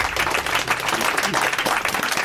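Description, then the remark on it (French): An audience applauds a speaker after a short talk on why clouds are white or grey, a dense, steady wash of many hands clapping that stays loud and even for the whole couple of seconds, with no break in the noise. “On peut l'applaudir.”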